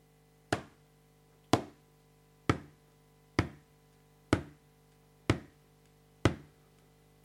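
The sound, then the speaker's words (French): Slow, evenly paced footsteps: about eight sharp, solid thuds landing roughly once a second, each dying away quickly, with no voices over them. “Des pas ? Comment ? Corbeau se dit que un humain est arrivé sur la terre et qu'il n'est même pas au courant.”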